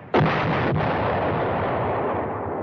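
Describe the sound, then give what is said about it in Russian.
Two heavy artillery blasts, the second following about half a second after the first, then a deep sustained rumble of battery fire that rolls on without fading much. “Отличаю я по слуху грохот наших батарей.”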